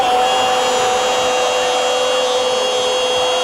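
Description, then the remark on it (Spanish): An electric drill and angle grinder run together in a loud, steady, high-pitched whine with a gritty buzzing edge, holding constant for a few seconds with no voices, in a radio advertisement for the hardware store Ferretería Casa Ramos in Catia. “Taladro perfora la defensa para Ferretería Casa Ramos.”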